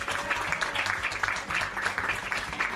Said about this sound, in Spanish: Así que un aplauso al señor Lila, que no está aquí, pero quiero también homenajear.